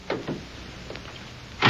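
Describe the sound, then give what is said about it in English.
The door of a radio car clicks and rattles open with a couple of short knocks, then after a pause it is shut with a solid thud. “Here's the radio car. Won't take a minute to check your story. All right, get in.”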